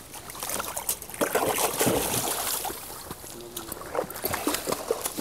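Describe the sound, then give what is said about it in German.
Water splashes and sloshes in irregular bursts as a young pelican goes into the water and paddles, with a steady watery wash underneath throughout. “Dafür geht's ins Wasser, aber ganz einfach.”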